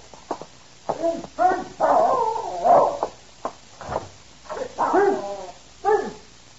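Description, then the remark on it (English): A dog whimpers and gives short, yelping barks in a string of about eight uneven bursts, with brief pauses between them and no one talking. “I'll walk the dog.”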